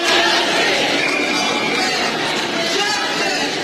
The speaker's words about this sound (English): You're hearing the crowd gathered earlier today chanting justice for Nolan Wells after his family released the results of an independent autopsy.